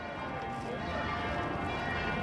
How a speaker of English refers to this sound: there was certainly plenty of noise with those church bells. There was, especially in the middle of the day. But it was quite atmospheric.